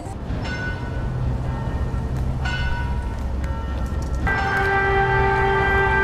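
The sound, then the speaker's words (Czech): Church bells ring out at noon on the town square in Bystřice, Czech Republic, on a hot day of 36.1 °C, in several strikes, each leaving a long humming tone that overlaps the next, over a steady low background rumble, with no one speaking; a regular siren test takes place at the same time. “Je pravé poledne a kromě zvonění kostelních zvonů je i pravidelná zkouška sirén.”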